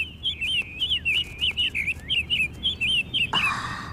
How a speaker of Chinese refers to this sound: 看了看笼中可爱的鸟儿，太任打开鸟笼，放飞了小鸟